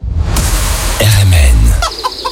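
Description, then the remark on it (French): Chickens cluck in short, bright bursts over a dense low rumble of crowd noise at a bird and poultry fair in Pontivy, the calls repeating irregularly, with a busy, bustling background throughout. “44e foire aux oiseaux, 17e foire aux volailles et 3e foire aux plantes à Pontivy.”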